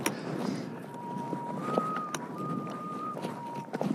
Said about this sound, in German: Der Wind pfeift eine Terz.